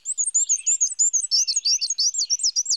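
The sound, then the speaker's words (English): A male black-and-white warbler sings a thin, high-pitched, wheezy song of rapidly repeated two-note phrases, steady, with no other sounds around it. “But they breed in North America's deciduous forests, where males sing a repetitive, high-pitched, wheezy, wheezy, wheezy song”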